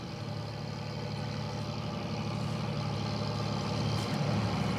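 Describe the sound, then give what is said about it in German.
A fishing boat engine runs steadily at night in spring, one of about a dozen boats heading out to haul in squid nets fixed near the coast; a constant low, throbbing drone with a rumbling hum that holds an even loudness throughout, with no voices. “Ein knappes Dutzend Boote fährt aus, um die Netze, die nahe der Küste fixiert sind, einzuholen.”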